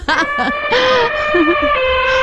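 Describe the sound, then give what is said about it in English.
A person imitates an elephant trumpeting: two short brassy blasts, then a longer loud wavering call and a final rising blare, all strained and nasal, with no other talking. “Come on, let's hear the elephant.”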